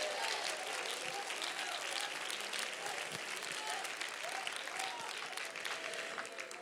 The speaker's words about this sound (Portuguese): Pode sentar, pode sentar e louva ao Senhor com as mãos, mas dê uma salva de palmas bem forte para Jesus.